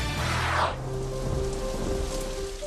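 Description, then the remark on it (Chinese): Steady rain pours down in a dense, hissing wash during a summer thunderstorm, with a brief low rumble swelling early on like thunder, while faint sustained tones hum underneath. “夏季雷雨天气频繁，雷电具有强大破坏力，易造成人员伤亡和设备损坏。”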